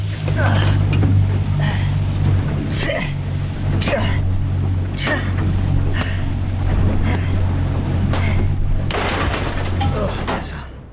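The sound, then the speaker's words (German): A loud jet-propelled speedboat engine drones steadily while the hull slaps across the water in repeated splashing bursts as the boat races on a direct course back to the resort, ending in a heavy rush of spray and wind. “Das Boot rast auf direktem Kurs zurück zum Resort.”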